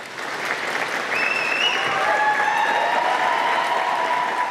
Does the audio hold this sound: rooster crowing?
no